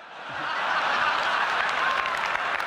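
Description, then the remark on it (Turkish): A large crowd in the hall at Apple's iPhone launch bursts into sustained applause mixed with cheers, whoops and screams from adult men, a dense steady roar of clapping that swells quickly and stays loud throughout. “Salondaki o dini töreni andıran coşkuyu unutmam mümkün değil.”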